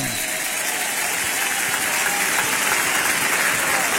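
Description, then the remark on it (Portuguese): A church audience claps together, applauding to give glory to God, in sustained, dense applause, a steady wash of many hands at constant loudness for the whole stretch, with no voices standing out. “Quem se alegra por isso, batam palmas e dêem glória a Deus. Podem aplaudir ao Senhor.”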